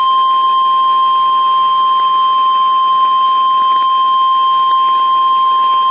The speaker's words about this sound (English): This is a test of the Weather Service weather radio warning alarm for the WNG 698 listening area of North Central Ohio. During potentially dangerous weather situations, specially built receivers are automatically activated to warn of the impending